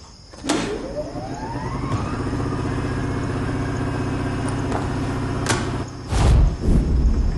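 A generator engine sputters to life, its pitch climbing quickly before settling into a steady, loud droning hum, with a couple of sharp clanks breaking through near the end.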